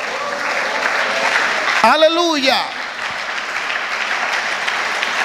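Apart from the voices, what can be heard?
audience applauding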